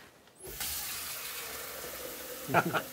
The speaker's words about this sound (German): Macht übrigens Sinn, das Wasser beim Einkochen mit so einer Kanne zu holen, statt diesen riesigen Einkochtopf ans Waschbecken zu packen oder zu tragen.